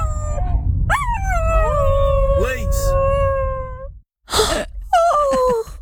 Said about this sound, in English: I'm trying to picture, because we don't have the video, we've only got the audio. It doesn't matter, you don't need the video. No. I'm just trying to picture which dog is doing the high note. They're almost harmonising